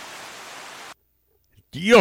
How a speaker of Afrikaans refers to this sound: Wow, yes, ek het dus nou reënval op 'n sinkplaat dak in die sandveld, hè?